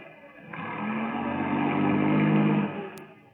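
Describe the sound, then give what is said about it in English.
A car engine rumbles and swells as a car drives into a garage, its low steady drone building for a couple of seconds before easing off, followed by a single sharp click. “Sounds like Carl missed the garage slightly. Sounded to me more like he didn't miss it.”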